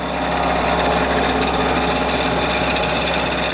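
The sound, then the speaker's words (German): A vibrating shaker machine in a pickle factory runs loudly and without pause as wet cucumbers fall from a shaking plate into jars that clatter against each other: a dense rattling, buzzing clatter over a steady low mechanical hum, with no voices. “Jetzt wird's laut, sagt Claudia Koschitz. Die Rüttelmaschine läuft.”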